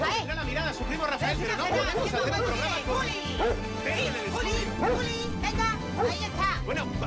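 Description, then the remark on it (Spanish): A dog barks repeatedly in a radio studio, its yelps mixed into a steady babble of several people talking over one another. “¿Qué es eso? Pues mire usted, es mi perro”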